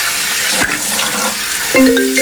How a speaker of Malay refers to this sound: Cuci muka dulu deh, biar gak ngantuk.